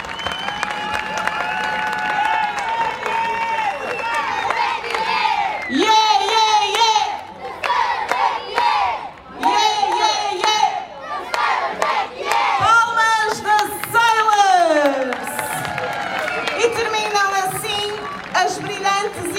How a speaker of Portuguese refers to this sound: Palmas, Colégio da Ceila. Muitas palminhas!